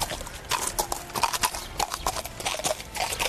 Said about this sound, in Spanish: Escucha el galope de los caballos. Son los quintos, esos mozos que están a punto de dejar de ser niños, participando en un pacto de sangre con el suelo que pisan.